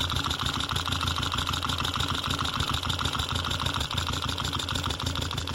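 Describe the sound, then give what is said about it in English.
An idling engine, picked up by a contact mic at the top of the engine where the valves are, runs steadily, with a fast, even ticking of the valves riding over the continuous mechanical hum. There is no talking. “You can usually hear a sort of ticking up there if it's running right.”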